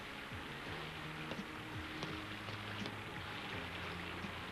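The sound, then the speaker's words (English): Heavy rain pours in a dense, steady hiss with no letup, fairly soft overall, while faint low droning tones come and go underneath. No one speaks. “Oh, it's heavy rain.”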